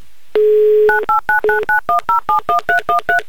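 A steady dial tone breaks off into a quick run of about a dozen touch-tone beeps, each a short two-pitched electronic chirp spaced evenly like a phone number being keyed in, loud and close with no voices.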